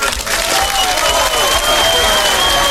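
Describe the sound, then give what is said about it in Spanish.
Steady, loud applause sound effect played on the La Que Buena radio station, with dense clapping throughout, plus a few sustained whistle-like tones running above the noise. “Y un aplauso para el Chincho Fercho, que por fin pudo quitar del aire al Cheto.”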